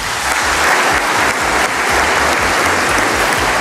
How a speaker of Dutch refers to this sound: En toen kwam inderdaad een allereerste applaus